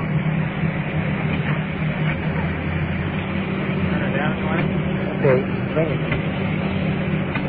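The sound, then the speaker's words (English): A large rescue truck engine idles steadily at an emergency scene where firemen are giving oxygen to a victim, a continuous low rumbling drone that holds throughout, with faint voices talking over it in the background. “Rescue truck turned down a little bit.”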